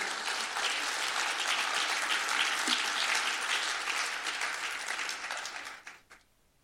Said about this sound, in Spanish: Sella esa palabra y dale un aplauso a Jesús.